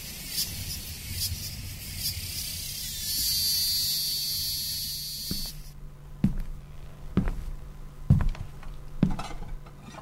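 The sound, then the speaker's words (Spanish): Cicadas in Tucumán sing on a hot, sunny day in a dense, shrill, steady buzz that swells for about five seconds, then cuts off abruptly, leaving a few sharp clicks and light clatters in near quiet. “¿Lo despertaron los cantos de las cigarras?”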